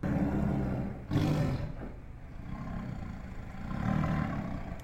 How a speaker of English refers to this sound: This is a tiger.